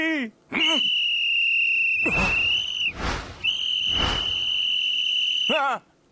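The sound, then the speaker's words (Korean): A loud, shrill whistle is blown as a test in two long sustained blasts, steady pitch with a brief break between, preceded and followed by short chirpy sounds, piercing. “아유, 호루라기가 잘 부러지나 테스트 한번 해봤어요.”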